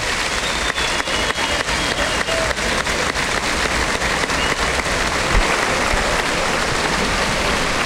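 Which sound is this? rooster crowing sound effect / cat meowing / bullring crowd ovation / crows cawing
bullring crowd ovation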